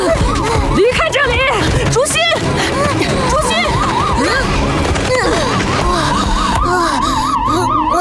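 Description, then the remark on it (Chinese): A loud, warbling heart rate monitor alarm wails continuously, rising and falling in a rapid siren-like pattern, while people's voices are heard over it; the alarm unsettles a lone takin in a Qinling forest, in Octonauts. “你的心率警报声影响了灵牛，他也很不安。”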